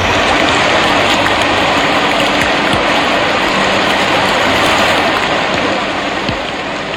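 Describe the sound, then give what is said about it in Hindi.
Heavy rain pours down in a steady, dense roar of hissing water, loud and unbroken for the whole stretch, with scattered sharper drops tapping through it and no voices. “एक बार की बात है, रात्रि का समय था, घनघोर वर्षा हो रही थी।”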